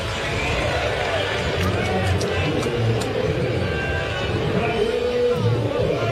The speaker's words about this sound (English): He'll swing, hit a line drive to right center for a base hit. It'll be cut off by the center fielder, Siri, and Betts drawing a loud cheer after this two-out single.